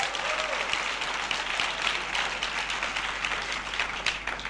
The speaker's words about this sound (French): Est-ce que vous le croyez? Applaudissons ce Seigneur qui est un Dieu vainqueur.